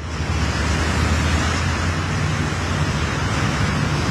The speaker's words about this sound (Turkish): Arkasından da resmen bir dere akıyor.